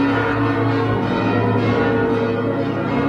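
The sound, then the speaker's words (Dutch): The bells of the Martinitoren church tower in Groningen ring in the morning for the traditional Groningens Ontzet commemoration, a dense wash of overlapping metallic tones with a steady low hum beneath, loud and sustained throughout with no voices. “En daarom werden ook vanmorgen de klokken van de Martinitoren geluid.”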